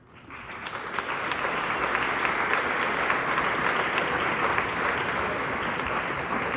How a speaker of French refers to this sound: Je pense qu'on peut applaudir chaleureusement l'ensemble du comité de Budapest.